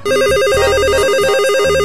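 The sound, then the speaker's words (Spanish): A telephone rings unanswered with a loud, warbling electronic trill that rapidly alternates between two tones, sounding continuously with no voices present. “El teléfono repica.”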